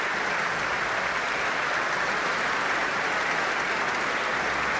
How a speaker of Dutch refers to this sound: Er is gestemd. De lichten zijn weer gedimd. En daar klinkt het applaus voor Elim Chan.